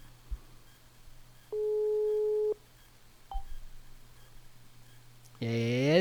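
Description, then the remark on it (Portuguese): A single steady telephone ringing tone sounds for about a second on an outgoing call, over low electrical hum, followed by a faint click and a brief burst of other noise at the end. “Atenda o telefone.”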